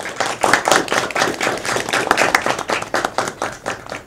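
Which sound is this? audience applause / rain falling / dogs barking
audience applause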